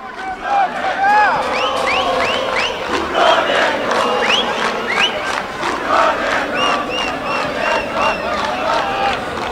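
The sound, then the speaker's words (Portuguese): A large stadium crowd of Brasil (Xavante) football fans chants and sings together at the Montanha dos Vinhedos during a match Brasil leads 1-0, a loud, continuous wall of voices with rising and falling melodic calls carrying through the full length. “Começa a cantar com o Mundu, com o torcedor Chavante aqui na Montanha dos Vinhedos.”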